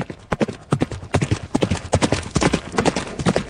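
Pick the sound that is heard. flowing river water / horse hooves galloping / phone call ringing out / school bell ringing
horse hooves galloping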